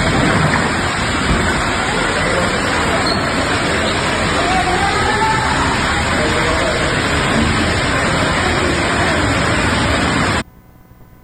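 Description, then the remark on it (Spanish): A loud, steady roar of rainwater gushing and pouring down through a collapsed plasterboard ceiling into a newly opened hospital in the capital of Sonora, Mexico, during heavy rain, like a torrent, continuous for about ten seconds before cutting off abruptly. “Es el plafón o una parte del plafón que se viene abajo y obviamente pues está entrando los chorros de agua y esto generó una inundación en este hospital que se acaba de inaugurar hace una semana.”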